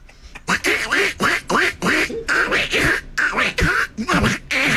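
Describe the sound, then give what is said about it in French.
A person imitates a duck, letting out a rapid run of about ten loud, nasal quacks in an uneven rhythm, with no other talking. “Ça m'a inspiré faire le canard.”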